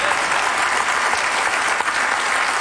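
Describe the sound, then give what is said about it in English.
An audience claps steadily in response to the president acknowledging that there are only two sexes, a dense, even wash of many hands with no voices, holding at a fairly loud level throughout. “We applaud, but in all reality, folks, this is not a dramatic announcement.”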